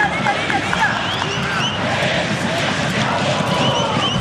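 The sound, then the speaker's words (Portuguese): A dense, steady roar of Corinthians football fans chanting in a stadium in Bragança Paulista during a match against Bragantino, many voices blending into one loud, continuous wall of sound with no pauses or single voice standing out. “Escuta aí a torcida do Corinthians.”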